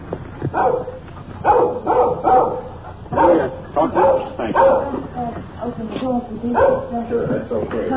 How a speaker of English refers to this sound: Little dog following us. Keeping at a safe distance. He's making an awful lot of noise for a little fella.